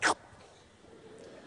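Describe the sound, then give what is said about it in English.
A single short, sharp snort from one of the bulls kept inside an electrified pipe fence, a loud breathy burst of air lasting a split second, followed by faint low background noise and no talking. “I got my big boots on, and the bulls, you can hear them, they're always going.”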